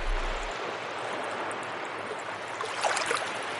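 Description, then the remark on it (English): Water from the Elwha River flows into Freshwater Bay at the river's mouth with a steady, hissing rush that never lets up. Toward the end a few brighter splashes and gurgles rise briefly above it. No voices are heard. “This is the mouth of the Elwha, and what happens is the water comes out of the Elwha River, comes into Freshwater Bay, and then there's a big gyre that forms right here.”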